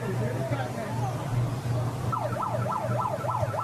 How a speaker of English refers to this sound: You hear the siren. Somebody's siren keeps going off.